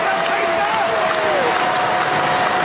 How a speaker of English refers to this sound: And they come to their feet, trying to cheer on a Reds win and La Rosa's.